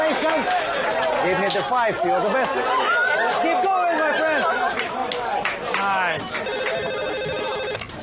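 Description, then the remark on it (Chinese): A phone ringtone sounds toward the end, a steady repeating electronic tone rising over a noisy background of many people chattering, before the call is answered. “哎呦，你可算接电话了！”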